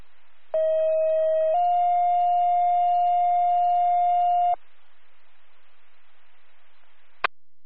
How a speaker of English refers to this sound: East Branch Fire, second tone. Need a response.